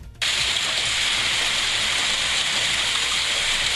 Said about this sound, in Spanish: Fuerte, che, fuerte. Con mucha lluvia, ni idea. Mucha lluvia y mucha piedra, aunque no tan grande, pero bueno, el granizo, ahí está.